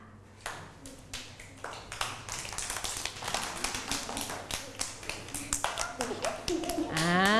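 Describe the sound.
Children clap their hands in a quick, uneven patter of sharp slaps that grows louder and busier over several seconds, ending with a child's high voice. They are playing a listening game in which they clap when the teacher says "grape".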